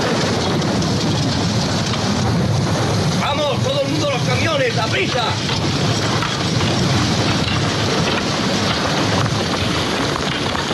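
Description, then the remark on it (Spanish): Steady, dense rain pours down throughout a scene from the film Cool Hand Luke, starring Paul Newman, as prisoners build a road, a constant loud hiss, with a brief stretch of voices rising through it partway in. “y que justamente es un preso, y hay un momento en el que lloviendo, mientras hacen una carretera a los presos y tal, el protagonista es Paul Newman, que escuchamos este fragmento.”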